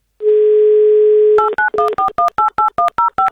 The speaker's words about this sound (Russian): Итак, набираем номер, ждем ответа, но в первую очередь ждем, пока звучит гимн Авторадио вместо гудков, потому что это пропуск в игру